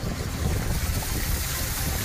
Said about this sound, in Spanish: Es el sonido de los coches pasando por las calles anegadas de Orihuela.